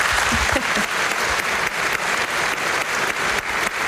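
Sustained applause from a sizable audience at a live radio broadcast, cheering a singer who received a gold record for his CD this week, a dense continuous patter of many hands clapping at steady loudness throughout, with faint voices mixed in the crowd noise.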